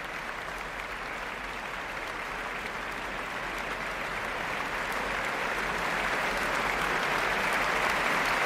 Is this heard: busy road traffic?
no